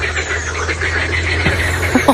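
A dense chorus of tree frogs croaking all night in a small stream beside a home, heard through closed windows, with rapid overlapping calls forming a continuous, fairly loud rasping texture over a steady low hum.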